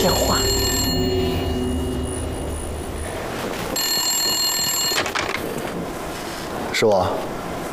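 A telephone rings with bright, repeating high-pitched bursts, the rings starting and stopping in short spells over a steady background hum, with a brief sharp chirp near the end.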